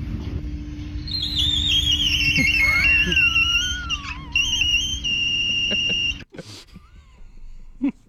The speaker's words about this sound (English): Now, this is a glass door, and when it shuts, so it makes a different sound.